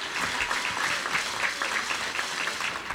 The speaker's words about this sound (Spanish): Le brindamos un fuerte aplauso al doctor Oswaldo Pinedo Barrios, quien es el secretario de Salud y director general de los Servicios de Salud. Un aplauso, gracias por acompañarnos.